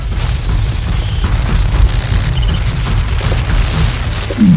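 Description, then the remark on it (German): A cannon discharges a magnetic pulse, generating a magnetic field, as a deep, sustained rumbling roar that stays loud throughout, ending with a short rising whine. “Die Kanone erzeugt ein Magnetfeld.”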